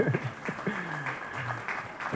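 A round of applause: a steady, dense patter of many hands clapping at moderate loudness, with faint murmuring voices mixed in throughout.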